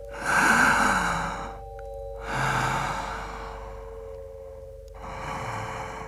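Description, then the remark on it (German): Slow, audible breaths drawn in and pushed out while sitting, three broad breathy swells with pauses between, fairly loud, with no talking. “Luft einsaugen und wieder auspusten.”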